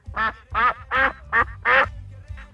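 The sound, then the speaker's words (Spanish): A voice imitates a duck, giving about six loud, nasal quacks in a quick, steady rhythm, with no other sounds around them. “¡Cuac, cuac, cuac!”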